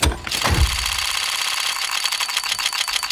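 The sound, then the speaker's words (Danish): A loot box case opening in the video game Counter-Strike: a swooshing sweep, then a fast run of bright, clicking ticks that gradually slow as the case spins toward its result, with no voices. “Men det er faktisk en lootbox inde på spillet Counter-Strike.”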